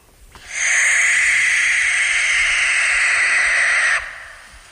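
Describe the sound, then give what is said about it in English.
A barn owl lets out one long, harsh, hissing screech lasting about three and a half seconds, loud, with no other sounds around it, at night along the Ballymacraven River near Andreas Stack. “If you didn't tell me that was a barn owl, I would think you were just playing me the soundtrack from Nightmare on Elm Street.”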